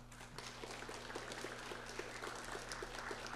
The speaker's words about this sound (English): if we could just pause for a second and give them a round of applause.